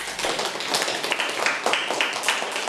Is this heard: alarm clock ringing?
no